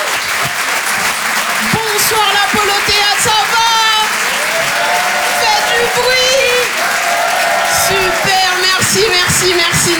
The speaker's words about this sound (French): Waouh, tous les applaudissements, c'est magnifique, vous êtes super beaux.